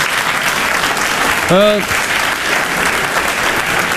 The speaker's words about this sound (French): Les pop-corns, ça vole, lui, il fait dodo, ses copains, ils se barrent, le public, il applaudit.